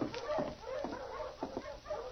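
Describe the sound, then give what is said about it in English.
Several dogs of a sled dog team yip, whine and bark in overlapping bursts, a restless chorus as the team comes in with two men while it is snowing. “There's a dog team coming in.”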